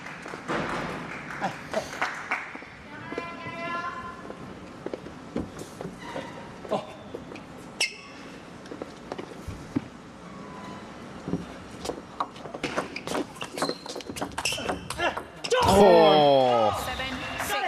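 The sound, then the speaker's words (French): Sharp, light clicks of a table tennis ball striking the table and paddles in a match between Lilian and Tomokazu Harimoto, the ball bouncing on Lilian's side, a quick irregular rally of taps, with voices in the background and a loud crowd cheer near the end. “On a juste entendu une balle rebondir sur la table du côté de Lilian.”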